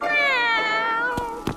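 A single drawn-out cat meow in a museum, high and wavering, slowly falling in pitch, followed by a couple of brief soft knocks near the end.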